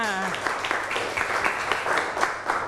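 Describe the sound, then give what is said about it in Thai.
Applause for a correct answer rings out in a dense, steady patter of many hands clapping, with sharp bright bursts, while a voice briefly speaks at the start. “เก่งมากนะคะเดี๋ยวดูคำตอบถูกต้องไหมถูกต้องปรบมือค่ะ”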